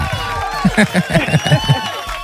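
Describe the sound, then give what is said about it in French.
A short burst of rhythmic clapping, about seven even claps in quick succession, with voices cheering and talking over it, applauding a woman calling in for the first time. “Bon, oh là là, attendez d'abord, on vous applause.”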